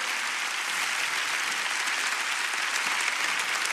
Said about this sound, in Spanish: Dale un fuerte aplauso a la palabra del Señor.